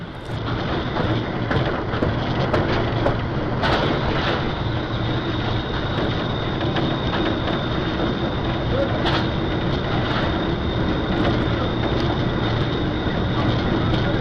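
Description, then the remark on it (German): Steady, loud rumble of a train leaving the station, heard from the driver's position inside the locomotive cab, with constant engine drone, a high whine, and occasional sharp rattles and clanks over the track. “Jetzt einmal aus der subjektiven Perspektive des Lokführers.”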